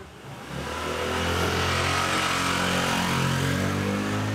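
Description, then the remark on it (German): A loud motorcycle engine drones, swelling in the first half-second and then holding a steady, buzzing roar, echoing in a narrow street in Barcelona, Spain. No one speaks. “Enge Gassen, jeder hängt seine Wäsche raus, überall fahren Motorradfahrer.”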